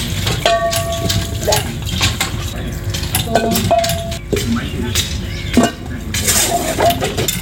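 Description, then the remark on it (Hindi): Pots and utensils clink and clatter irregularly as food is being cooked in an ordinary home in the evening, sharp metallic rings over a steady low rumble, with a faint murmur of voices in the background. “मान लीजिए एक साधारण सा घर है, शाम का समय है, खाना बन रहा है,”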